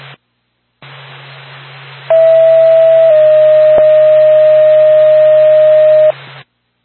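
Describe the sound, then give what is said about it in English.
A dispatch alert tone for Lancaster Ambulance over a hissing radio channel, calling the crew to a medical call on Bunker Hill Street in Lancaster. One steady tone holds for about a second, then shifts to a slightly lower pitch held for three seconds before the static cuts off. “Lancaster Ambulance, stand by for tone.”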